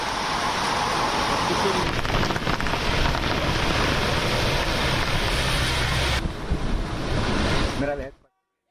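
Steady, heavy monsoon rain hisses without a break at Marine Drive in Mumbai, India, blended with a windy, surf-like roar. The wash stays loud and even for about eight seconds before cutting off abruptly.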